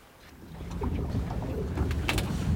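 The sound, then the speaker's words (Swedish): A boat moves across open water on Lake Hjälmaren near Nyckelgrundet, its steady low rumble building and mixing with wind buffeting the microphone and faint splashes, with a few brief bird-like chirps above. “Och så här lät det när vi var ute båda två med båt i torsdags.”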